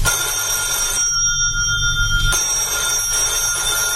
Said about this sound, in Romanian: Coniță, răspunde la telefon. Dacă e tot domnul Hagi Iordan, nu sunt acasă.